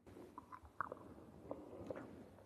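Chewing tea leaves together with a copper coin in the mouth in an old town: soft grinding broken by three sharp, crisp cracks as the coin breaks into pieces, spread across a couple of seconds, fairly quiet, with no talking.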